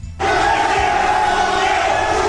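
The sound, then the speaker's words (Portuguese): During a confrontation involving Santos players, including Neymar, and a club from Pará, a crowd erupts into loud, sustained shouting and yelling after a brief quiet start, many voices merging into a continuous roar of uproar that holds steady to the end. “Aí vocês estão vendo o momento da gritaria, ó.”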